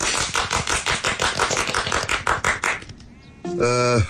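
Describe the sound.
A small group at a meeting claps steadily for about three seconds to welcome the new first party secretary, the dense, even applause fading out before a single voice begins speaking.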